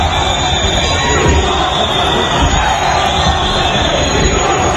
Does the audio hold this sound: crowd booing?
yes